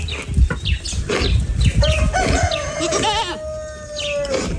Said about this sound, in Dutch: Hoor je het gegraas? De vogeltjes? Ja, en die. Het gaat me om de kippen en geiten. Je hoorde hier ook een haan, die mag er ook zijn. Maar het gaat me met name om de kuikentjes en de geiten.